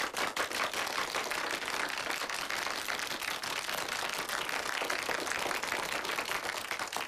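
A class claps steadily for about seven seconds to encourage a student going up first to give a speech, a dense, even patter of many hands at a fairly constant loudness, with no voices over it.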